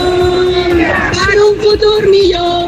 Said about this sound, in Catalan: Com a mínim fins divendres no es tornaran a sentir aquests crits per part dels sindicats majoritaris.